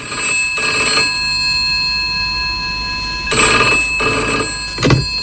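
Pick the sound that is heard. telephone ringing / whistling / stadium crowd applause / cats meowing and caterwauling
telephone ringing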